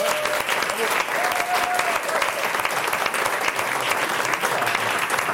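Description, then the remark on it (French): Steady, dense applause from an audience fills the whole stretch, a broad hiss of many hands clapping at an even loudness, with a faint high tone briefly audible underneath, for the many staff who served food and drink during the week at the Haute École Arc in Neuchâtel. “Ils sont beaucoup, on peut les applaudir s'il vous plaît.”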